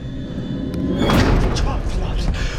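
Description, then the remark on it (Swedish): A root cellar door slams shut once, a heavy thud that rings out into a reverberant, noisy wash, with muffled voices and background rumble around it. “Okej, dörren smällde igen.”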